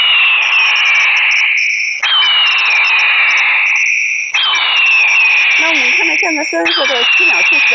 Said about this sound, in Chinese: 随后，记者又组装好了另一款太阳能的大音量闪光驱鸟神器，这种驱鸟神器可模拟大型鹰类叫声来驱赶鸟类。